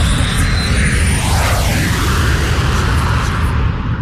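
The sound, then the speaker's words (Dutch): A Boeing 737 airliner roars overhead, a loud, steady jet rumble with whining tones that sweep downward in pitch as it passes, with no voices. “Zeg jij? 737. Ja, ik zie het, ja.”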